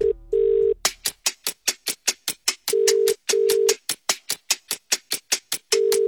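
An outgoing phone call's ringing tone sounds in short steady bursts, clear, over a rapid, regular run of sharp ticking clicks, as a radio host calls a listener in the Shire. No one speaks.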